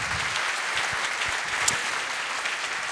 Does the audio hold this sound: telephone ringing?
no